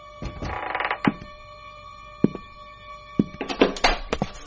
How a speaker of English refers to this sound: What's that? Shh. Somebody's trying to jimmy the door to the hall.